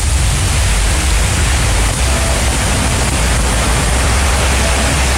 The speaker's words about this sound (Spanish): Tal cual llueve en la perla del Maule. Fuerte, ¿eh? Uy, pero esta es una nube. Solo sin duda una nube la que va pasando por ahí en la zona costera de la perla del Maule. Me refiero a Constitución